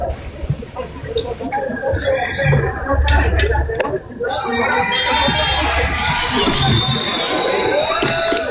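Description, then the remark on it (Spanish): A crowd outdoors at a rescue site in Capri, Cali, bursts into applause and cheering as a dog is found and brought down, with scattered shouts and a dense murmur of voices continuing loudly throughout. “Sí, ya lo bajaron. Pero aplaudieron.”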